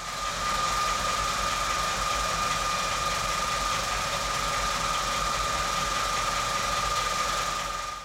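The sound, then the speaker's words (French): A family car's engine idles steadily while it is being parked, not in a garage, a low rumbling drone with a faint mechanical whine on top, holding constant for the whole stretch with no voices. “Tu sais, avec mon papa, on a garé la voiture de maman et de papa. Il y avait beaucoup de bruit, il y avait ce bruit-là.”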